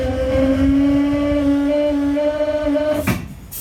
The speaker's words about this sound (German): Die Hauptluftleitung wurde geschlossen, nun wird sie gefüllt, die Bremsen lösen sich.